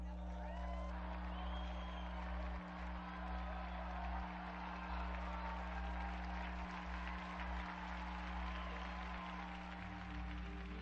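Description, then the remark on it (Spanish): An audience applauds steadily for about eleven seconds in honor of Saint Nicholas of Tolentino, a dense, even wash of many hands clapping with some crowd murmur, over a constant low electrical hum. “Unidos pues a la gran familia tolentiniana, brindemos nuestro vivo aplauso a San Nicolás de Tolentino.”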